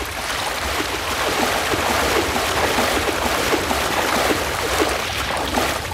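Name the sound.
lake water splashing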